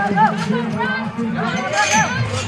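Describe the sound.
At a camel race, as handlers swing open the gates and the animals dash into the arena, a lively crowd hollers and cheers in a dense wash of overlapping voices, with excited shouts rising above the steady roar and clapping mixed in throughout.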